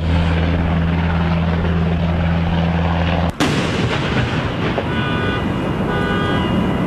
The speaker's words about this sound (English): Video from overnight shows several helicopters taking off and landing